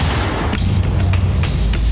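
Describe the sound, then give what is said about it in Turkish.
Several sharp, loud bangs burst out at irregular moments over a continuous deep, roaring rumble: repeated explosions from a burning İETT public city bus whose engine compartment caught fire, in Bahçeköy, Sarıyer, Istanbul, Turkey. “Dakikalar sonra alevlere teslim olan araçtan sık sık patlama sesleri yükseldi.”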